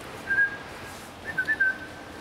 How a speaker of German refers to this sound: Bogor, komm. So eine ganz schlechte Angewohnheit von mir, dass ich den nie mit Namen anspreche. Ich pfeife immer so, bei jedem Jungtier gleich. Das hat auch den Nachteil, dass immer alle Jungtiere angerannt kommen, wenn ich dann so pfeife